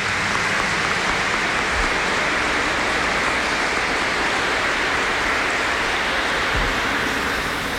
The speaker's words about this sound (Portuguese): Vamos dar uma salva de palmas para os aniversariantes, né?